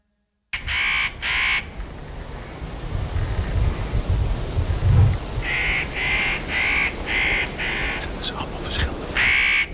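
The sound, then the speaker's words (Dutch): Harsh, rasping spotted nutcracker calls: a quick pair at the start, then a steady run of six or seven grating cries, over a low rumbling background. “Dit is de notenkraker.”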